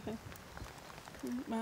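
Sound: rain falling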